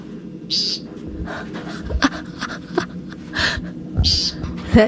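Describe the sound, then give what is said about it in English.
An American woodcock gives short, buzzy nasal calls, repeated a few times at irregular intervals over a quiet outdoor background with faint rustling and low rumble. “The American woodcock.”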